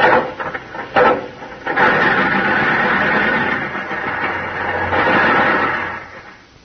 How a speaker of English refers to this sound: Gee, honey, we've been cranking this here car for 15 minutes.